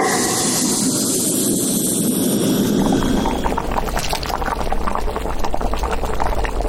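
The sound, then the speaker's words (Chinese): Homemade stock simmering in a pot over low heat, with freshly stir-fried seasoning ingredients added, a steady bubbling hiss that grows busier and louder partway through, with dense popping and gurgling and no voices. “油半股自己熬的这个高汤，随后再加入我们刚才炒好的这个料，用这个小火熬1-2分钟，把所有的料的味道全部熬到汤里，就要给它过滤一遍。”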